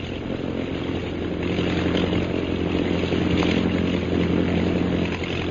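A steady, droning engine roar with a harmonic hum fills the scene, like propeller aircraft passing overhead, continuous and fairly loud throughout with no voices.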